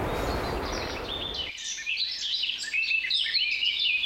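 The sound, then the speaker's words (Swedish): A wash of surf rolls in briefly, then gives way to a busy chorus of seagulls calling and crying loudly, with no voices. “fina vattenljud. Lite måsar och vågor.”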